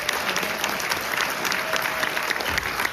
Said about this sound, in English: But this has been a smashing weekend, so give everybody a big round of applause.